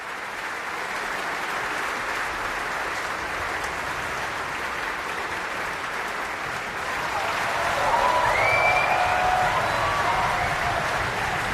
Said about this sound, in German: Dieser Applaus ist für Camilla Nühl und die Brünnhilde heute Abend. Und auch sie wird noch einmal groß vom Publikum gefeiert und verlässt jetzt noch einmal die Bühne.